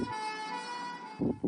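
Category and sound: vehicle, ambulance siren wailing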